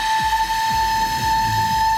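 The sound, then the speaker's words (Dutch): A loud, steady whistle from a 600-year-old instrument blows continuously at one sustained pitch, like a steamboat horn, with faint low rumbling thuds pulsing underneath. “Misschien is het wel leuk om even te laten horen hoe die eeuwenoude fluit dan klinkt.”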